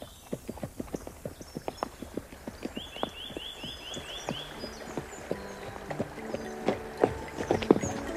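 horse hooves clip-clopping

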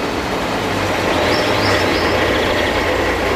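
train on railway

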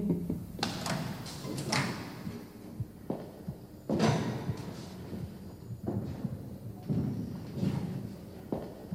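door being slammed shut

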